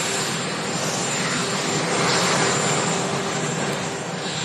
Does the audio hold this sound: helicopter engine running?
yes